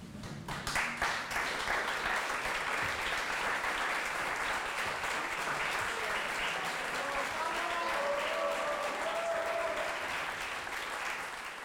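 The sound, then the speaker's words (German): A crowd at a Shakespeare evening applauds steadily after a recitation of Puck's closing speech, dense clapping holding at an even loudness for over ten seconds, with a few faint whistles or cheers rising above it near the end. “Ehe wir uns trennen, klatscht erst Beifall unserem Stück.”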